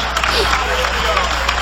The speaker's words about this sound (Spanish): Dale un aplauso de alabanza al Cordero de Dios.